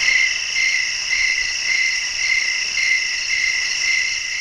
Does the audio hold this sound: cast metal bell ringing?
no